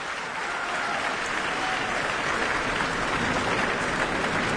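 Sustained audience applause at an opera curtain call at the Met, a dense wash of many hands clapping at steady loudness throughout, with no voices standing out above it, as the tenor on stage applauds the orchestra.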